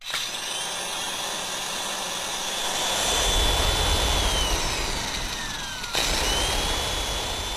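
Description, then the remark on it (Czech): An electric kitchen mixer whirs steadily on its own, a loud motor hum with a high whine that drops in pitch, then briefly cuts out and starts up again near the end. “Mixér. Mixér za motorku, motorka za auto, auto za traktor, traktor za kombajn, kombajn za dědečka.”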